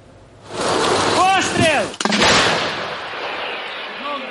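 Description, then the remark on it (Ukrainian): A Ukrainian 155 mm Bohdana long-range towed howitzer fires one sharp, heavy boom outdoors during artillery crew training, its blast rolling into a long rumbling decay. Just before the shot, a voice calls out over steady wind-like noise. “Бійці тренуються стріляти з далекобійної причіпної гармати «Богдана».”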